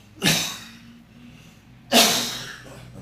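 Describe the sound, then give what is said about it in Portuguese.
Two sharp, explosive coughs about a second and a half apart, fairly loud, from a presenter in a radio studio, with no talking around them. “Se tem alguma informação da Liga São Joanense de Desporto, e se eu tossir alguma coisa, vocês me perdoa.”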